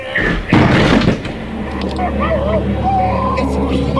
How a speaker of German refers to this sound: Wir müssen die Tür aufbrechen. Los, wir werfen uns gegen die Tür. Eins! Jetzt! Nochmal!